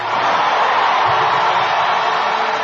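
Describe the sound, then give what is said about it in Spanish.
A large crowd applauds for the King and gives a shout of victory, a loud, steady roar of clapping and cheering that fills the whole stretch without a break. “Un aplauso al Rey. Un grito de victoria.”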